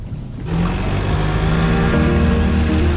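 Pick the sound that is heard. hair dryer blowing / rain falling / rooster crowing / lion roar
rain falling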